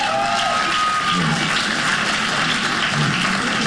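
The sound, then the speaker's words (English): A crowd claps steadily for a few seconds after comedian Mike Goodwin asks people to clap if they have crazy family members. The clapping is a dense, even patter of many hands, with no clear peaks or pauses and no voices standing out. “Hey, clap if you got crazy family members.”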